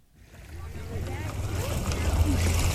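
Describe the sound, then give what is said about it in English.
Lake water washes steadily against the shore of Trooper Island, a 35-acre island on Dale Hollow Lake in Clinton County on the Kentucky-Tennessee border, building from quiet to fuller, continuous splashing, with a low motor-like hum and faint voices underneath. “Water gently slaps the shore of Trooper Island on Dale Hollow Lake in Clinton County.”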